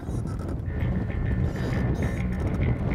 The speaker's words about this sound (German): Der ist ja immer noch unterwegs mit seinem Boot zur Ostseeinsel Hiddensee.